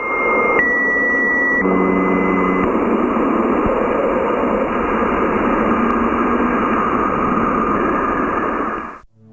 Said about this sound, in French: Le rugissement et le bourdonnement profond conviennent à une géante comme Jupiter. Les bips entre les deux rendent l'auditeur plutôt perplexe. On a juste envie de raccrocher le combiné, mais le chant effrayant de Jupiter continue.